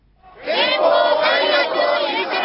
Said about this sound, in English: On a Tokyo street corner under pouring rain, a crowd gathered, holding up drenched posters and flags. Stamped on them in big, bold Japanese characters, a simple message: no war.